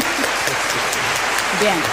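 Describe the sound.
Audience members who prefer cold weather clap loudly and steadily, a dense wash of many hands with a few voices and cheers mixed in underneath.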